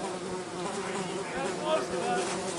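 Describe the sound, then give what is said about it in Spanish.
A steady insect buzz drones throughout, with a dense whining hum of flies that wavers slightly in pitch and loudness but never stops. “¿Se relajan las moscas?”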